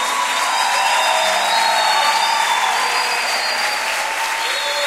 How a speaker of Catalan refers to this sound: aplaudirle fuerte al Señor en esta noche.